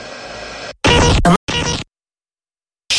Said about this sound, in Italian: Così fai scappare i pesci. Non faccio rumore, sto solo sfogliando la pesca mosca e spinning. Nell'adrenalina dell'attesa, la pesca mosca e spinning è la rivista per chi vuole di più.